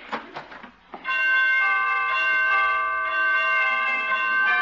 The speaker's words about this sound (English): Well, pretty door chimes.